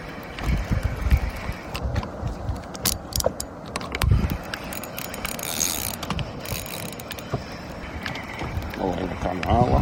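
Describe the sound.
A fishing reel clicks and ratchets steadily as line with a caught fish is wound in aboard a small boat at sea, its outboard motor switched off, with faint voices talking in the background and light water and hull sounds nearby.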